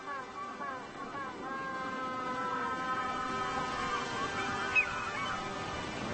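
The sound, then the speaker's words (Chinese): A pair of penguins bidding each other farewell trade loud, braying honks back and forth, their harsh calls overlapping continuously, with one sharper cry near the end. “这对企鹅正依依不舍地告别。”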